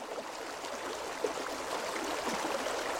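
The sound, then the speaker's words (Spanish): The Lys river flows steadily along its bank, a continuous soft rushing and babbling wash with no voices, holding an even, moderately quiet level throughout. “Salimos a la ribera del río Lys, el hilo conductor de artistas, campesinos y viajeros.”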